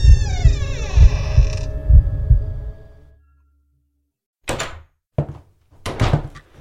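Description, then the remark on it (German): An old door with an iron handle creaks open inward with a long, loud, groaning, rusty creak over deep rhythmic thuds, then falls silent before a few sharp thumps and knocks follow. “Und mit einem lauten Knarren öffnete sich die Tür nach innen.”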